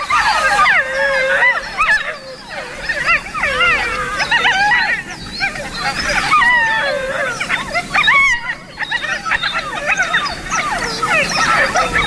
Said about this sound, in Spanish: Los cachorros que han nacido esta primavera están reunidos y, respondiendo al adulto que aulló antes, vale, mantienen estos parloteos.